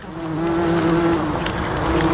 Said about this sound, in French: Il y a le bourdonnement des insectes, et puis ce bruit sec et régulier.